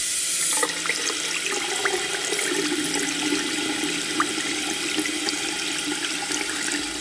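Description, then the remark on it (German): Hot water gushes steadily from a tap in a broad, hissing rush, fairly loud, continuing without pause for several seconds with faint splashing and gurgles underneath. “Heißes Wasser zu Ende.”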